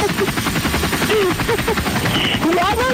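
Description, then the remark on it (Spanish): A video-game helicopter drones loudly and continuously, its dense rotor rumble filling the scene, with rapid clattering bursts and brief tonal game sounds or voices cutting through the mix. “Ya no te lo vi, ya lo dejé allá colgado donde me dejaste colgada en el helicóptero.”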